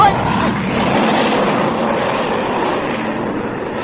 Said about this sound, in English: Sounds like a plane of some kind. Hey, Doc! Doc, look! It's one of our fighters!